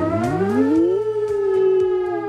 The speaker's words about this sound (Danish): Det er jo altså første onsdag i maj, og beredskabet tjekker i dag, om vores varslingssystem virker, og det er præcis kl. 12, at sirenen den vil lyde.